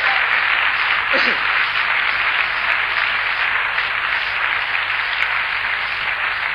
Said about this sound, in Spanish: Vamos, aplaudan con ganas los hombres.